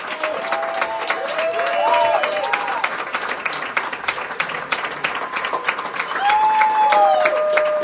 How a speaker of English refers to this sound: This is the moment where the orchestra probably is going to not stand. He's asking them to. And they're saying, now this one's for you, Gustavo. And we invite you at home. Clap along. We can hear you.